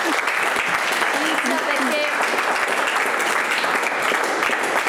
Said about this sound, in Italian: Un applauso.